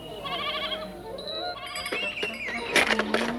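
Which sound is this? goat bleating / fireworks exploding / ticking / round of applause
goat bleating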